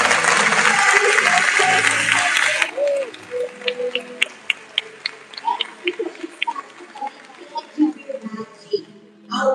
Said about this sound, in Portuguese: Então eu quero pedir uma salva de palmas para você que veio. Palmas para você.